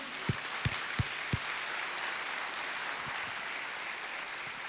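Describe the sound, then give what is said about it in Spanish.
An audience applauds the Lord with a dense, steady wash of clapping, a few sharp louder claps standing out early on, the noise holding level throughout without any talking. “¿Puedo darle un aplauso al Señor?”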